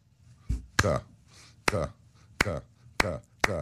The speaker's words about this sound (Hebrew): בקונצרט ניגענו את החמישית של מאלר, ובסוף הקונצרט חיכתה לנו הפתעה גדולה מצד הקהל. הקהל מחה כפיים בהתלהבות, ופתאום הפסיקו למחוא כפיים ביחד. פתאום היה שקט, כאילו איזה יד מנצחת אליהם, ואז הם מתחילים למחוא כפיים ככה.